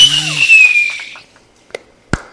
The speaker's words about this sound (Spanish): Ay, estoy esperando los cohetes artificiales. Nunca aparecieron.